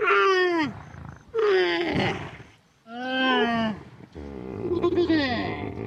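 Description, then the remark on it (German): Camels calling at a waterhole in a hot, very dry area with few plants: four loud, drawn-out groaning bellows, each sliding downward in pitch with a rough, gurgling edge, separated by brief pauses, the last one harsher and more rumbling. “Da holen sich auch einige Tiere. Zum Beispiel die Kamele da hinten.”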